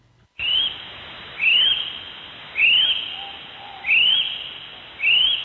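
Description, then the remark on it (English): A kiwi's shrill call: five piercing whistled notes repeated at a steady pace, each about half a second long, ringing out loudly over a constant background hiss. “Nah, mate, that's a kiwi.”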